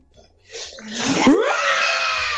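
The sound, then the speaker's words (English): A person imitates Simba's lion roar with one long, raspy roar that swells up after a short quiet start, peaks loudly and holds strong to the end. “And this is my roar for Friday Simba.”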